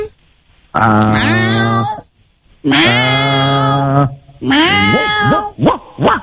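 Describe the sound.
A person imitates a cat with three loud, drawn-out meows, each bending in pitch, the last one breaking into a few quick, choppy yowls. There is no other talking.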